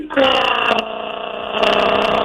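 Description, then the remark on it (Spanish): A voice imitates a wife's loud snoring with a sustained, rough, buzzing drone, loud, lasting about two seconds with a brief catch partway through. “Se roncaba por los dos lados. No, aguantando esos ronquidos y esos pedos.”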